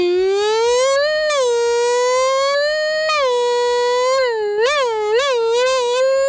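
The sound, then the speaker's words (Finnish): A voice imitates a formula racing car, a loud sustained nasal whine that climbs steadily in pitch, drops as if shifting gears, then wobbles through quick rising and falling revs. “Sitten mä saan tehdä myös formula-auto.”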